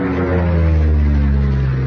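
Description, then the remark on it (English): A steady, droning airplane engine hums continuously with a deep, even tone and strong low harmonics, fairly loud, with no voices over it. “We own a plane.”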